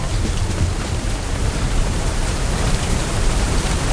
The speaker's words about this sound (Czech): Prší. Taky u vás prší. Pokud ne, nebojte, to dojde.